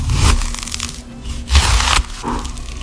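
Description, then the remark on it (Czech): Something being cut or sliced: three rough, rasping strokes, each with a dull low thump, separated by brief pauses. No one speaks. “Já vám napovím, je to krájení, ale vaším úkolem je ještě teda uhádnout, jaký krájení, respektive čeho krájení to je.”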